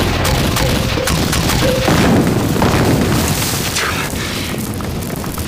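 A continuous barrage of heavy explosions from aircraft bombing and artillery fire pounding a stretch of ground, dense and loud throughout, with rumbling low blasts overlapping one another and no speech.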